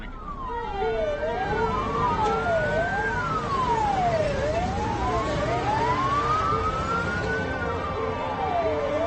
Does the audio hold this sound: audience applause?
no